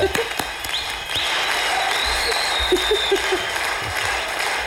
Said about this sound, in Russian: Мы прям всей студии вам аплодируем, вы просто не видите, что здесь происходит.